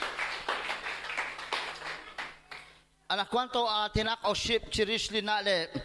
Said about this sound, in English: A round of applause for Jesus.